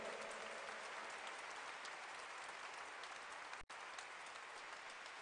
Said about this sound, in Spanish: Quiero dar las gracias a nuestro Monseñor por habernos pues dejado estar aquí esta noche compartiendo con ustedes. Pido un aplauso para Cristo por él. Fuerte.